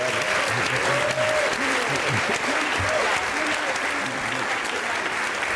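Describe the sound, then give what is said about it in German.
A crowd applauds steadily for several seconds, a dense, even wash of clapping with some voices and faint musical tones mixed underneath, as cabaret artist and juggler Timo Wopp is introduced on stage. “Ihr Applaus für Timo Wopp, da ist er hoffentlich.”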